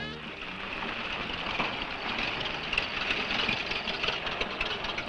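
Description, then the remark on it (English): A car engine runs steadily for the whole stretch, a continuous low rumble mixed with a brighter hissing whir, holding an even, moderate loudness without pauses. “Man, that fella has a jewel of a car.”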